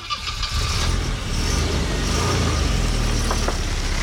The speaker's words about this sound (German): Das gute alte Auto, gut, mittlerweile gibt es das auch ein bisschen leiser, wenn ihr zum Beispiel ein Elektroauto fahren solltet.